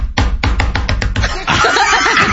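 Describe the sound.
A neighbor mimics the knocking she hears through the wall all night and all day, with a quick run of about seven sharp, loud raps, followed by a burst of overlapping laughter and chatter.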